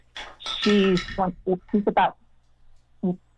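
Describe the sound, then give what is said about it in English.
An axis deer antler carried in a golden retriever's mouth knocks and clinks against hard surfaces in a quick, irregular run of bright clatters, with a pause before one final clink; a voice is faintly present. “Golden retriever in here, walking around with an axis antler in his mouth that he's entertaining us with.”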